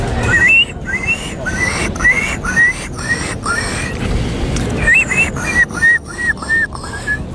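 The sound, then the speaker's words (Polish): A person in a bird-call imitation contest imitates a gull, giving a loud series of short squealing, wavering cries in two quick bursts separated by a brief pause. “To była mewa, tak.”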